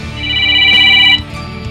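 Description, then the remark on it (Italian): A telephone rings with a bright, steady electronic tone that holds for about a second, then cuts off, leaving a fainter tonal tail, during a call-in on the radio station Radio Super. No one speaks. “Vuol dire che non è pronto, il telefono è suonato ma non è pronto, nessun problema, andiamo con la musica.”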